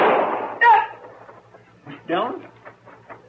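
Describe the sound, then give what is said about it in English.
A single loud gunshot, fired in a shack and hitting a boy, bursts out and rings off into a fading tail, followed by a sharp shouted cry and then more agitated voices calling out. “He shot that boy.”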